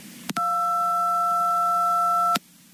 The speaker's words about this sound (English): Anyway, I've got my beep.